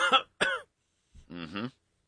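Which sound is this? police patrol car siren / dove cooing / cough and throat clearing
cough and throat clearing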